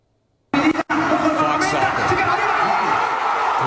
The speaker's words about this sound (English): How about some, can you get me some crowd reaction, fellas, from Guadalajara? That'd be nice. Hit me.